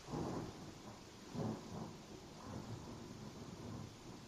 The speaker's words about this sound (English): Thunder, lightning. That's amazing.